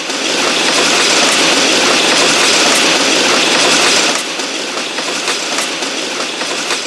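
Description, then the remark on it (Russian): A diesel train roars through a station without stopping, a loud, dense rush of rumbling and rattling wagons that holds steady, then drops off somewhat partway through as the cars keep clattering past. “Я слышу, Дизель! Да Дизель, он самый, Дизель.”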